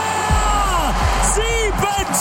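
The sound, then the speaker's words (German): A loud, sustained crowd roar celebrating a Havertz goal for Germany in its first World Cup match, against Curaçao, won 7:1, with excited voices shouting in rising and falling pitches over the steady wall of cheering. “Und weil es so schön war, starten wir nochmal mit ganz viel Jubel.”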